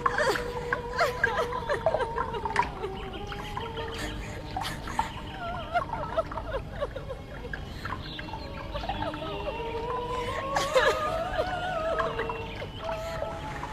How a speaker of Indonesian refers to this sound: Tangisan dan air matanya yang semakin keluar itu berubah dan menjadi genangan air. Suara tangisan semakin tersedu-sedu.